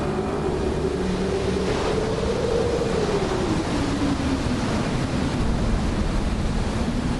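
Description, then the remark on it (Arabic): A loud, continuous roar of rough sea and strong seasonal storm wind tossing a ship, with a low howling tone rising and falling through the steady wash of noise; no voices. “الرياح والأمواج تتحكمان بالسفينة كأنها ريشة طائر.”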